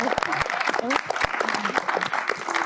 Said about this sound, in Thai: ขอเสียงปรบมือให้กับทีมงานของเราด้วยนะครับขอบคุณครับ